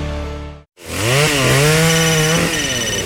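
A loud chainsaw drones steadily, cuts out for a split second, then roars back, its engine pitch rising and dipping as it bites into wood. No voices.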